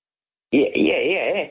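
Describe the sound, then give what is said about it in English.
A small bird imitates a landline telephone ringing, making a warbling, trilling tone that starts abruptly after a brief silence and holds steady for about a second, fairly loud. “Oh, I could have sworn that the telephone was ringing. Oh, because they imitated the sound.”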